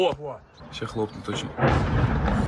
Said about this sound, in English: Filming on a smartphone, someone captures the moment a drone strikes a block of flats just outside the Russian capital.